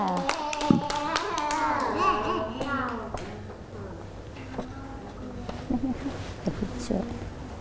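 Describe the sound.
A group of children claps, a scattered burst of small hands that fades after a few seconds, with children's voices chattering over it and an adult voice speaking afterward.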